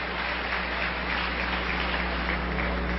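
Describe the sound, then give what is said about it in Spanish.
An audience applauds, a steady wash of many hands clapping at even loudness for about three seconds with no voices over it. “Yo creo que las que aplaudieron fueron las esposas.”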